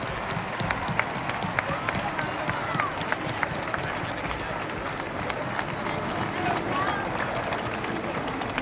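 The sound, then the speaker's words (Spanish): Sustained applause from a large audience at the Spanish national football team's Euro 2024 celebration, given in memory of María, who recently died. Dense rapid clapping fills the whole stretch at a steady loud level, with a crowd murmur and a few scattered shouts mixed in. “Así que un fuerte aplauso para María, que está viéndonos desde arriba.”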